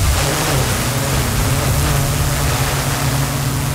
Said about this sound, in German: So klingt nämlich eine spezielle autonome Drohne, die die Einsatzkräfte da gerade testen. Das heißt, wenn es auf der Wache einen Alarm gibt, dann fliegt die Drohne schon mal zum Einsatz vor, um Bilder aus der Luft zu machen.